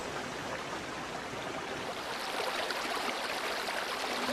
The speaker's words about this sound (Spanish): En su descenso de las alturas del Parque Nacional, el río se descuelga en una docena de cascadas que salpican desde las alturas la frondosidad del fondo del cañón.